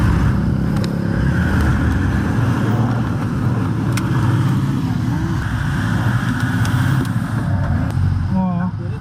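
A vehicle engine labors along a muddy road in Nepal in the dark and rain as the driver accelerates, a loud, steady low rumble that holds throughout with no pause, while the crew's singing sounds faintly beneath the engine noise.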